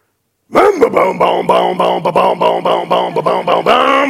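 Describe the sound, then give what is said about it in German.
A voice imitates a two-stroke chainsaw starting: a loud, buzzing, sputtering drone broken into rapid rhythmic pulses for about three seconds, ending in a steadier rev. “Achtung, mir startet die Zweitakter Kettensäge.”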